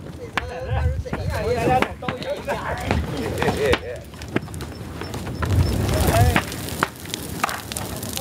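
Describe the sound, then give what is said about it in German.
A large fire burning paper offerings for the deceased at a funeral ceremony crackles and pops with sharp irregular snaps over a steady rushing roar, while people talk in the background. “Verschickt werden die Geschenke am Ende mit einem großen Feuer gen Himmel gesendet.”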